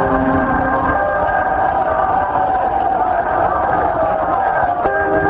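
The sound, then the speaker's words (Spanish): A large audience at a religious service shouts and cheers together as the priest commands them to shout, a loud, sustained roar of voices, steady throughout with sharper whoops and cries rising out of the mass. “Yo solamente como sacerdote de Dios te mando que grites.”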